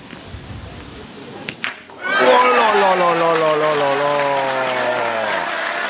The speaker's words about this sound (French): Ah oui, là les applaudissements qui descendent des travées de ces tribunes de Saint-Yrieix-sur-Charente